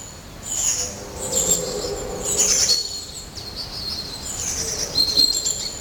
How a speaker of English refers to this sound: The birds here are very vocal at the moment. I can make out a long-tailed tit, a blue tit